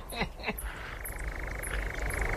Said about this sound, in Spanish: Y aquí el ladrido de un corzo, ya lo oímos la semana pasada.